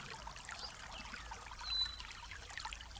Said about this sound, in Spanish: y mientras vas haciendo contacto con el aroma oxigenado de este aire fresco, vamos a escuchar a lo lejos el ruido de una cascada de agua cristalina, pura.